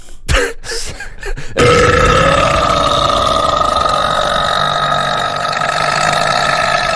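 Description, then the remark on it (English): A long, loud, droning burp from an old man walking past, next to a Boost Juice at City Cross, rumbles on for several seconds after a few brief clicks and rustles, steady in volume. “From what I burps all over us.”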